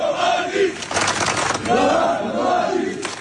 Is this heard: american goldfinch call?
no